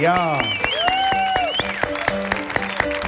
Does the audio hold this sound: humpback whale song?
no